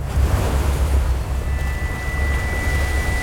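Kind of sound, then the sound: nature, stormy sea waves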